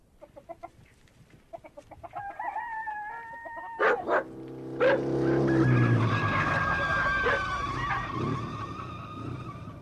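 An official motorcycle draws near bringing a telegram to a village hut, then tires screech in a long, loud skid as it comes to a stop, with a couple of sharp bangs just before the slide.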